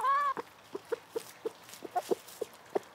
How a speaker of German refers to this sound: Seitdem leben nur noch 11 Hühner im Garten, beschützt von einem Zaun und Hahn Gustav.